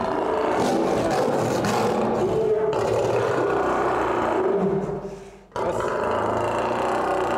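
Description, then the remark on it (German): An angry lion roars and growls loudly behind an old, roughly 100-year-old wire-mesh fence built so lions can bite into it without breaking it, a rough, sustained snarling that briefly breaks off near the end before resuming. “Der alte Maschendrahtzaun sieht mit einem wütenden Löwen dahinter nicht gerade vertrauensvoll aus.”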